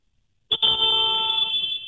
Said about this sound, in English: What is that wimpy little honk? That was what kind of SUV is that? It's a Nissan Rogue. That's a Rogue.